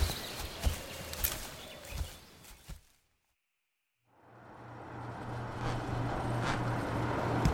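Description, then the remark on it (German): Clattering knocks fade into a brief silence, then a woman drives up in a tiny car, its low engine hum swelling steadily louder until the end. “Das ist doch die winzige Karre von Emily Nitzinger.”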